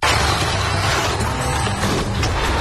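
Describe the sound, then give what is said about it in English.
A loud, harsh car-collision sound effect in a radio advertisement for Pete's Auto Body, a dense burst of crunching metal and clattering debris that stays loud for a couple of seconds with no one speaking. “Was a hard hit. Looks like your car just got body checked by Life.”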